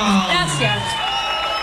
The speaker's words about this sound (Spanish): ¡Fuerte el aplauso!